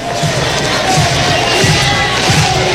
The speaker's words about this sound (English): Crowd getting into it. This is a regional-type atmosphere here on the Plains.